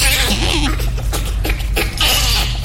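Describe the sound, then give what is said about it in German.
A voice imitates a bonobo's laughter with a burst of breathy, hooting chuckles and squeaky pitched yelps, fairly loud over a low background hum. “Also ich glaube, darüber würde ein Bonobo lachen.”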